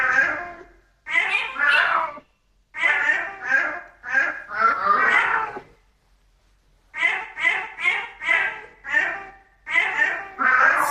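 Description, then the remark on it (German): A tomcat meows in a long string of short, tuneful calls, grouped in rhythmic phrases with brief pauses, as if yowling out a song melody. “Dann hören wir uns nochmal an, was Kater Barney da gemaunzt hat”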